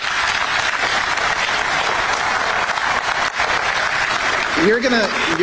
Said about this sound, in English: You're gonna get to clap for Jason in 20 seconds